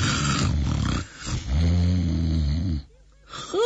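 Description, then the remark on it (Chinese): A voice imitates the loud, rumbling snores of a small man asleep under his quilt in a military tent: two long, rasping roars, the second deeper and drawn out, followed by a brief pause and a rising snort-like intake. “一看这小矬子这军章呢，在被窝里睡得还真香，这呼噜打得震天响啊。”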